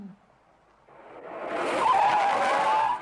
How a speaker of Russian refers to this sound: На светофоре рядом останавливается машина с водителем, двойником шофера Горбункова.